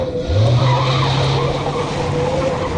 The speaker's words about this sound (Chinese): 不远处车里，季慧急忙放下长焦照相机，发动汽车，快速离开了。